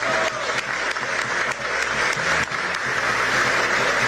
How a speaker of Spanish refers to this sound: Gracias, señor registrador. Gracias por esa labor, señor registrador. Un aplauso y todo mi respeto para usted.